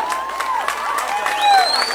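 A crowd applauds and cheers after a live singing performance: dense, steady clapping fills the moment, with rising whistles and excited shouts lifting over it. The sound is lively and moderately loud throughout.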